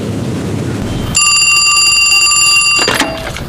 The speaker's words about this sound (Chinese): 这时候来电话，清风殿有事儿啊？